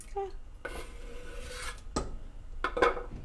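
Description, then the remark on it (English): Rough scraping and rubbing against a preheated metal pressure cooker, a few short strokes with a couple of sharper clinks, as chopped tomatoes are pushed off a surface into it while cooking dal. “And then I'm adding the tomatoes.”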